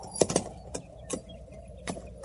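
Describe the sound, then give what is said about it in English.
Irregular hoof clops from a horse shifting about, sharp knocks scattered unevenly over a couple of seconds against a low background hum, with no voices. “Hold still, horse.”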